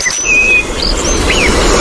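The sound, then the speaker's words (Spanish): A European robin sings a string of thin, high, wavering whistles and short sweeping notes over a steady rush of outdoor background noise. “Petirrojo europeo.”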